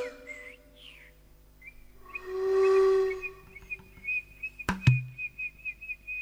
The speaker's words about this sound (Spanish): Ya el canto de los zorzales saludaba al sol que asomaba entre las ramas.